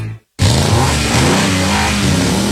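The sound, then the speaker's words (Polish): A car engine roars loudly and steadily after a brief silence, its revving tone droning for a couple of seconds with no voices, in an advert for the Mago Bosch Serwis car repair shop in Piła. “Silniki już ryczą ze szczęścia.”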